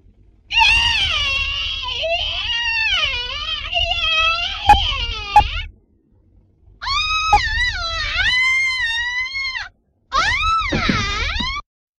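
Three long, shrill screams recorded as the 29th take of a shower-scene scream, the first stretching about five seconds, each wavering in pitch with strained, sobbing breaks, loud and alone over a faint low rumble.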